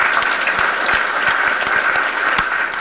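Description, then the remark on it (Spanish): An audience claps steadily, a dense wash of many hands with sharper individual claps popping out, loud throughout with no voices. “Un aplauso para todos y todas.”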